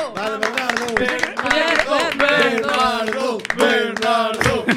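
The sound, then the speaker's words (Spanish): An audience claps steadily at a contest prize announcement, the sharp hand claps mixed with loud cheering and excited shouting voices that carry on throughout. “Era que ao final dámoslle o segundo suplente, por favor, forte aplauso si nos estás coitando.”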